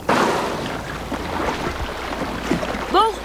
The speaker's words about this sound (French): Ouf! Il ne faisait que passer. Ça n'était pas un bateau de pêche, mais certainement un navire de touristes. Et si ce boucan continue, on mettra les voiles.